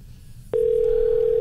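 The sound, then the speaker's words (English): A phone line's ringing tone for an unanswered call starts after a short quiet moment, a single steady electronic hum that holds loud and unbroken to the end, with no voices. “Nobody answers the phone anymore.”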